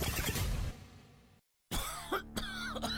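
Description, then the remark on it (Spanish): A harsh burst of coughing, then a brief silence, followed by more raspy coughs and throaty hacking sounds, loud and with no one speaking. “Las flemas, la tos, el asma, las afecciones de las vías respiratorias te impiden trabajar.”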